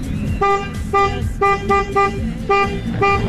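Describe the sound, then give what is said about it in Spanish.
A car horn honks in a rhythmic pattern of short, loud blasts, about seven toots, with a low engine rumble beneath and no talking; honked as a recorded audio message by someone celebrating because the team Central lost. “Pero la pucha, grabar un mensaje tocando la bocina porque está contento porque perdió Central.”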